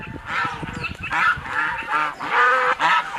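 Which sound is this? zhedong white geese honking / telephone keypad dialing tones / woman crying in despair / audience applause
zhedong white geese honking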